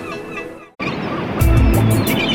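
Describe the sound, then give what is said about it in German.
Seagulls cry loudly over a steady rush of wind and surf, with several harsh, repeated calls in the second half of the short clip. “Radio Norderney, frischer Wind und Möwengeschrei.”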